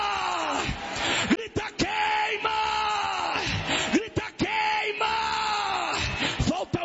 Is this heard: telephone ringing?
no